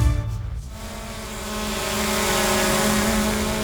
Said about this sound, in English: While Western Power is flying drones to inspect the lines,